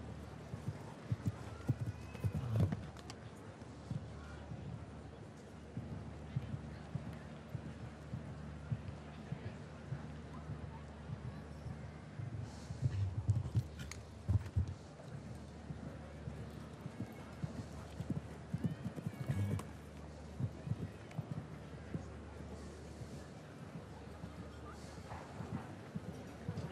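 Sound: horse hooves clip-clopping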